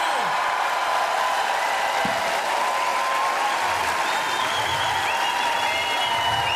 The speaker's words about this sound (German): Einen ganz besonderen Applaus.